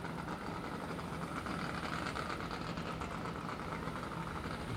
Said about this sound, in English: There you go, 100-mile-an-hour boat. Right at 100 miles per hour. Nicely done.